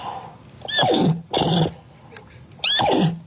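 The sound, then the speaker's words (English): A person imitates a horse's whinny: three loud, breathy bursts, each sliding downward in pitch, separated by short pauses, with no other talking. “We heard you speak English, German, and neigh.”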